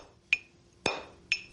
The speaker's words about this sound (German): Früher wurden Steinform und Inschrift mit Hammer und Meißel gehauen.